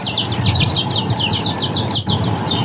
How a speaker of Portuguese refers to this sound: Que passarinho é esse aqui, ó? Escuta, escuta, escuta, de novo, ó, de novo, de novo.